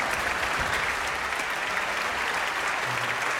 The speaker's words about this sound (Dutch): En dan ook nog één keer een hartelijk applaus voor het Radio Fiel. En voor de dirigent Marcus Stenz.